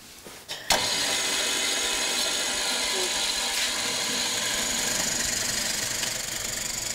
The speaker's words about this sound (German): Mach mal ruhig runter den Bohrer und dann könnt ihr das hinschieben. Und dann, wenn das richtig liegt, dann macht ihr die Maschine an.